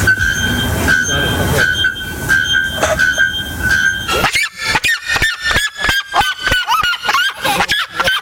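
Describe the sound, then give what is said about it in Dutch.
Loud calls of a bare-throated bellbird and a seriema, both over 120 decibels: first a sustained, ringing metallic tone repeated several times like a horn blast, then a rapid rhythmic string of sharp, yelping notes, with no talking. “Het gaat om de naaktkeelklokvogel en de kuifsirema. Die halen allebei meer dan 120 decibel.”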